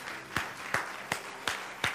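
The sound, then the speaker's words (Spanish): A standing audience applauds the Lord, with five sharp, evenly timed claps standing out above a steady wash of crowd clapping, a loud, regular beat of roughly three claps per second. “Póngase de pie ahí donde está y denle un fuerte aplauso al Señor.”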